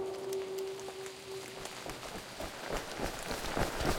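Quick running footsteps of two people running as fast as they can splash through steady rain, their raincoats glossy with rain, the patter of drops filling the background as the hurried steps grow louder toward the end.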